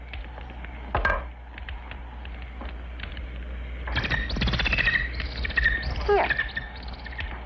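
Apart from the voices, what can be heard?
bird chirping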